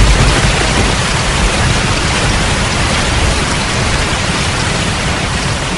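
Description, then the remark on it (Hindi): Heavy monsoon rain of the month of Ashadh pours down steadily, a dense, even hiss of drops that stays loud and unbroken from start to finish, with no voices. “उल्लेखनीय है कि नाटक की शुरुआत भी आषाढ़ की वर्षा से होती है और अंत भी वर्षा के ही वातावरण में घटित होता है।”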